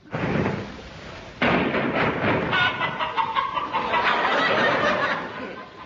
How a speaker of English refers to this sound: The sound of chickens has specially been added for people living in rural districts.